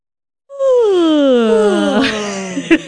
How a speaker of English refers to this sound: But yawning is contagious, and it's a sign of good listening. So if you are yawning along with us, that means that you were engaged.